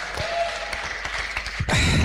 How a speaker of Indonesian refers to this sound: Sekali lagi malam hari ini karena sudah semakin malam, tapi kita semakin disuguhkan suara-suara yang luar biasa dari peserta wanita kita. Boleh kasih tepuk tangan sekali lagi.